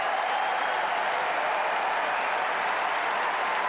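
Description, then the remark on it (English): Sustained, dense applause from a large crowd, a standing ovation on Number One Court at Wimbledon as Alexander Bublik and Frances Tiafoe embrace after their tennis match, fills the whole stretch, a steady roar of many hands clapping at once with no pauses and no voices standing out. “They embrace on this number one court to a standing ovation.”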